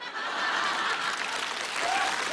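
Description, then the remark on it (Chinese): An audience claps steadily throughout, a dense, sustained wash of many hands with a few faint chuckles mixed in, fairly loud and even from start to finish. “我看谁鼓掌？”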